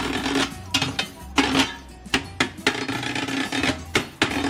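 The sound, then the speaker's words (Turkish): A spoon clatters rapidly and rhythmically against pots and dishes during an ice cream vendor's show, sharp metallic clacks in quick bursts with a bright ringing edge, over a low steady background hum. “İlk önce bir kaşığı konuşturmak gerekiyor.”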